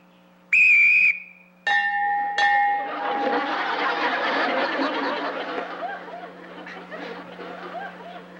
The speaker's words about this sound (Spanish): ¿Listos? Cuando yo silbe, ustedes se atacan uno al otro. ¿Listos?